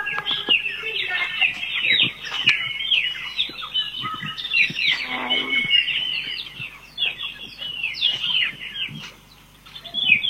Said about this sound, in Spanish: Ahí, escuchá el pajarito.